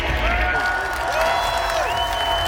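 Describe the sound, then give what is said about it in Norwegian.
A dense street crowd celebrating along Karl Johans gate cheers and shouts continuously, with a few long honking horn tones rising above the roar and some whistle-like pitched calls gliding through the din. “Og så unorsk det også, bare liksom, bare sånn, driv, sleng oss rundt, og alle tuter og høyer, og jeg tok opp litt lyd, jeg vet ikke hvor interessant det men...”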